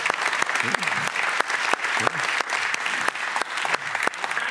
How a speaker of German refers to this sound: dein Applaus.